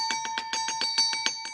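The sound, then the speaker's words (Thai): A loud bell rings in a rapid, steady rattle of strikes, about seven per second, its bright metallic tone sustained throughout with no voices. “ช่วงนี้ก็พบกับเราสองคนอีกครั้งนะคะในช่วง กระดิ่งลั่นบ้านทนาย”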